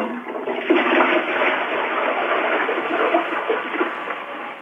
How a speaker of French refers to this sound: Tirez la chasse d'eau pour voir. Tirez la chasse d'eau. Avec le pain dedans? Avec le pain dedans? Ben oui.